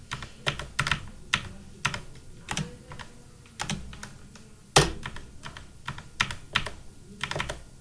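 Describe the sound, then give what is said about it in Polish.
Irregular computer keyboard key presses, sharp clicky taps in uneven bursts with one louder clack midway, over a low steady hum and no voices. “Nacisnąłeś chyba Alt A zaraz.”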